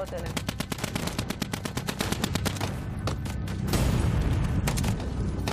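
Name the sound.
gunshots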